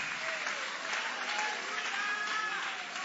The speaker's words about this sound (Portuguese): Levanta a mão e vai aplaudindo.